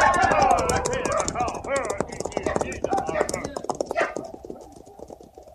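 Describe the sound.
A herd of thousands of buffalo stampedes over the hills toward the river, a dense, loud clatter of countless hooves drumming rapidly, with voices calling over the din before the pounding thins and fades slightly at the end.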